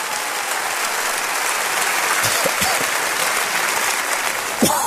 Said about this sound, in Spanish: ¿Cuántos de ustedes nos visitan por primera vez? ¿Podría levantar la mano para poderles reconocer y dar una bienvenida? Denles un aplauso.